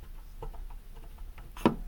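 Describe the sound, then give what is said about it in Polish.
Mixer knobs being turned give off a few faint, irregular plastic ticks, ending in one sharper, louder click. There's no talking, just low background hiss. “Pokrętła, jak się kręcą, wydały taki dźwięk.”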